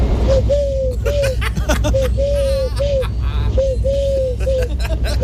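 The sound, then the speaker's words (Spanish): A person imitates a turtle dove's cooing, producing a rhythmic series of low, hollow coos in short groups, over a busy background noise and faint chatter. “Mira, hago la tórtola súper bien, mira.”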